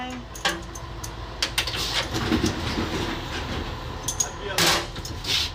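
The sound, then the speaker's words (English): A 1970s Fiat train rumbles steadily as it pulls out of the station on time at 7:25, with sharp metallic clanks and clicks scattered over the low, continuous drone of the rail cars. “Rosanna and the train pull out of the station on time”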